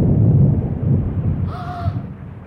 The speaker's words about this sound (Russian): Вот молния, гром, услышал.